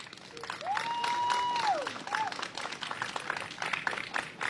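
A crowd breaks into steady applause, many hands clapping at moderate volume throughout, with a long sustained whistle rising above the clapping near the start and a brief second whistle after.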